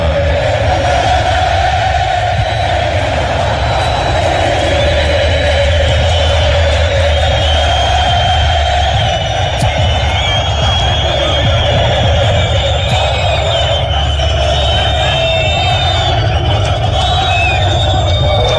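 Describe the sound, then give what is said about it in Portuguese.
Argentine football fans sing together in a stadium during an Argentina World Cup match, a loud, unbroken mass chant that holds steady tones over a low rumbling roar for the whole stretch, with no break. “O som dos argentinos, sobretudo dos argentinos, né?”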